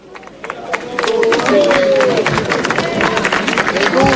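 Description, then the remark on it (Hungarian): A large crowd breaks into applause as Pope Leo arrives at the venue, swelling within the first second into loud, sustained clapping, with scattered cheering and raised voices riding over the dense patter. “Kedves hallgatók, ahogy hallják a tapsot, megérkezett a Szent Atya Leó pápa a helyszínre.”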